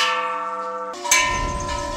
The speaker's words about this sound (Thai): นักท่องเที่ยวนอกจากจะมานมัสการพระธาตุดอยสุเทพแล้วยังได้ชื่นชมทัศนียภาพอันสวยงามบางคนยังขึ้นมาตีระฆังเสียงดังก้องกังวานไปเลยครับ